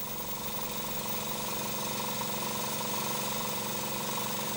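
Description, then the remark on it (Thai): A steady, high-pitched whine of a small power drill running continuously, drilling a hole in the base of an oyster shell at a pearl farm so a rope can be threaded through, with a constant buzzing hum and no pauses or voices. “พอหลังจากที่ว่าหอยหายเหนื่อย1อาทิตย์เราก็จะเอามาเจาะรูที่ก้นเนี่ยสำหรับร้อยเชือกพอเจาะเรียบร้อยหลังจากนั้นเราก็มีการใส่เม็ดนิวเคลียสลงไป”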